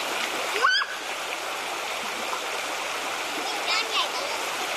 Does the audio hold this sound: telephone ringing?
no